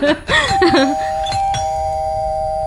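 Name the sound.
doorbell ringing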